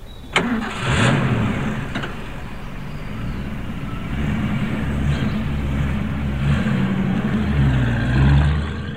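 A truck engine cranks and catches with a sharp start, then rumbles low and steady as it revs and pulls away, loud, with no voices, as the truck, loaded with glycerin, leaves a military base.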